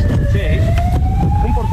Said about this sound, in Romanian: Și ambulanța își face treaba, normal. Am dat mai încet, am dat mai încet puțin când, că până trece ambulanța.